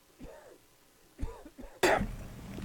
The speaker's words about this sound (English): It sounds like you're going to the hospital. You're coughing up a lung over here.